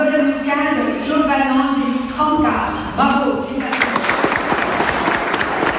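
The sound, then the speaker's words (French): A crowd applauds after the vote electing Jean-Martin Mandoloni to succeed Gilles Simeoni, clapping steadily under a man's speaking voice at first, then swelling into loud, dense, sustained applause on its own. “Il y a le vote, l'élection, les applaudissements et Gilles Simeoni, tout sourire très détendu, qui s'amuse de mes questions.”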